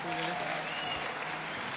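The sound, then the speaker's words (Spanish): An audience in Argentina claps steadily for a man who has come to translate, a dense wash of applause that stays fairly even throughout, with a brief tonal voice or hum faintly audible at the start. “Así que dame un aplauso fuerte.”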